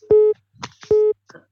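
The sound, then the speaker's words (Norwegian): Two short, steady electronic beeps of a telephone busy tone after a caller hangs up, evenly spaced, with faint clicks and brief noises between them on the line. “Det blir lagt på igjen.”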